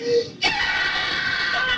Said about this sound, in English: That's me screaming.